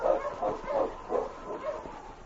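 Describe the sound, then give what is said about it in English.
A husky sled dog, King, being driven on toward a boat dock, barks in a quick run of about five yapping, mid-pitched woofs at a fairly steady pace, heard on its own without any talking. “On, you husky.”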